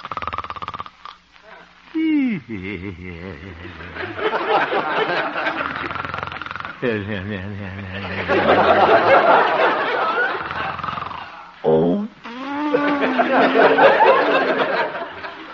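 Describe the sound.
A man, the radio figure Honest Harold the Homemaker, snores gently and theatrically while asleep at night in a little house on 8th Avenue, with drawn-out voiced snores, whistling exhales and contented murmurs repeating in slow cycles, fairly loud, sounding like a performed imitation of snoring.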